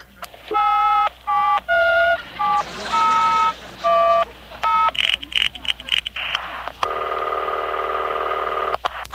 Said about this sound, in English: I surprise them by calling them up and saying hello. What a thrill it's going to be for some American to speak to me, the president. I'll just dial any number in the phone book.